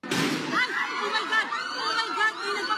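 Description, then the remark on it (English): A loud, sharp gunshot cracks at the start and echoes through the halls of the Philippine Senate, followed by excited voices shouting and calling out over the echoing tail as politicians and journalists run for cover. “The gunshots echo through the halls of the Philippine Senate, politicians and journalists running for cover.”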